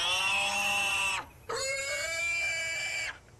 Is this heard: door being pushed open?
no